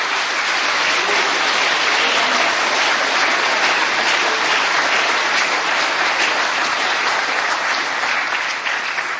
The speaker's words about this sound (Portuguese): Aplaude o Senhor.